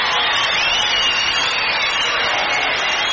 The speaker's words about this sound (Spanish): un aplauso grande para el coro Chiquicanto de Mataderos.